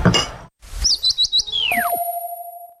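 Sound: woodpecker call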